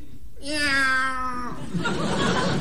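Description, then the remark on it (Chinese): A man's voice lets out a single loud, drawn-out imitation of a cat yowl, strained for about a second, as a stage performer's mock outpouring of emotion before reciting a poem, then a wash of audience laughter and noise follows. “哎， 我以为哪位踩了猫了呢。”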